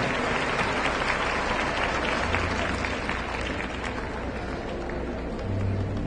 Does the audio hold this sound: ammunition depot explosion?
no